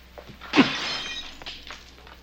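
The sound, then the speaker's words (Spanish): A sharp crash of window glass shattering as someone deliberately breaks windows for fun, followed by the tinkling scatter of falling shards and a few smaller clinks as pieces settle, with no talking. “Estoy rompiendo cristales”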